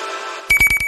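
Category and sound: signal or alarm, school bell ringing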